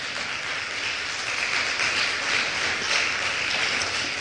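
An audience applauds for Jesus, a dense, continuous wash of many hands clapping that swells slightly and holds at a moderate level throughout, with no talking.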